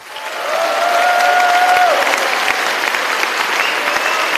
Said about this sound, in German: Tobender Applaus, frenetischer Jubel, geschmeichelt wird sie die Geltungssucht des Roger Köppel.